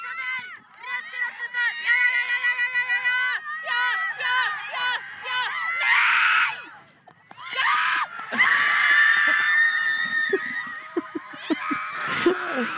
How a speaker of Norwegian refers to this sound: Det var lyden av første mål rett i kassa.